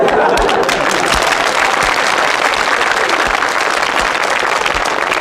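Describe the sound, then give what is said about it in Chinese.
An audience claps steadily for about five seconds, a dense, loud patter of many hands with occasional sharper individual claps standing out, and no one speaking over it. “观众不给你鼓掌吧，手已经伸出来了，给你鼓掌吧，心里不情愿， 嗯， 得了，鼓两下吧。”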